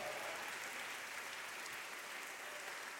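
A worshipping crowd applauds the Lord loudly and steadily, a dense, continuous wash of clapping that holds at an even level for the full few seconds, with no voices standing out. The service is broadcast by La Querendona Radio 1270 AM from Mall San Pablo in Pereira, Colombia.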